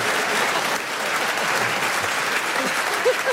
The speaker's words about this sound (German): ich kann Ihnen sagen, Sie haben es geschafft, Nikolaus Blome so aus der Reserve zu locken, dass er den größten Applaus in der Geschichte des Tippi-Talks bekommen hat.